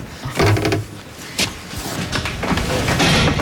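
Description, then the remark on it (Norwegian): A heavy cow barn door rumbles and scrapes as it slides open to let the cows out onto grass after a long winter indoors, with a few dull thumps and knocks along the way against a steady outdoor background. “Først de litt forsiktige når døren åpnes.”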